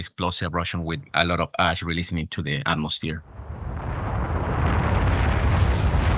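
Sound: explosive volcanic eruption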